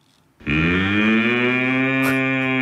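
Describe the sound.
A person imitates a cow with one long, loud, steady moo that starts abruptly after a brief pause and holds its deep, buzzy tone to the end.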